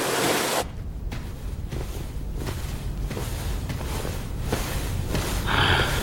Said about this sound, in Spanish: Esta lluvia parece no tener fin.